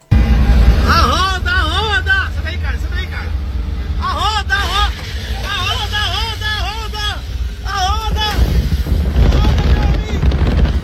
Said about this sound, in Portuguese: As imagens foram registradas ontem pelo passageiro de um veículo que passava ao lado e ele grita com o motorista para alertar quem dirigia o caminhão.